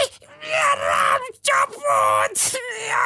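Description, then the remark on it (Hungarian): A voice mimics a loud, shrill squeal in several drawn-out, strained bursts with short breaks between them, close and forceful, like a frightened animal shrieking. “Ekkor az egyik kövér, a legszélső, egyszerre harsány visítást hallatott.”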